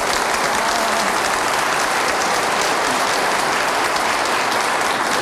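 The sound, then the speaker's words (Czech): An audience, mostly women with one man among those clapping, claps steadily and fairly loudly for the whole stretch, a dense, continuous wash of many hands with no voices rising above it. “Já jsem to tak rychle stačil spočítat, tleskal jeden muž, ostatní no, všechno tak, ženy.”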